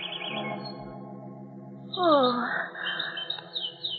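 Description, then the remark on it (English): Small caged birds chirp and twitter in a busy, overlapping cluster. A sweeping high call rises out of a steady droning hum, then the chatter continues at moderate loudness. “You pulled the covers off the cage. Carl! Oh, Carl, I'm speaking to you. Those birds, I don't like them.”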